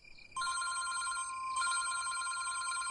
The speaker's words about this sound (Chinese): 这时候电话又响了，我一看又是文叔打来的